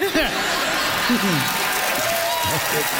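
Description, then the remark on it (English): A studio audience applauds steadily for a few seconds, a dense and fairly loud wash of clapping with scattered laughter and cheering voices rising through it. “The crowd has signaled their enjoyment of that one.”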